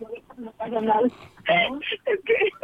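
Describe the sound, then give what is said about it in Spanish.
A radio plays loudly in the background with voice-like, music-like sound, heard thin and muffled as if over a telephone line, in a few continuous bursts. “Bájala tu radio, no, bájala tu radio.”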